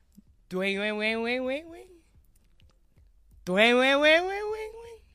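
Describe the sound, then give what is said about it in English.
A voice imitates a phone message ping with two sung, wordless tones, each lasting about a second, the first wavering and the second gliding upward, separated by a short pause, fairly loud. “Your phone pings with a message saying they're already there.”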